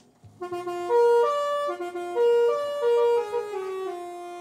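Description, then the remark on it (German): A mobile library bus arriving at its stop sounds its musical horn, playing a loud, short melody of several sustained, bright notes in succession, with no talking. “So, jetzt sind wir da, jetzt müssen wir einmal hupen.”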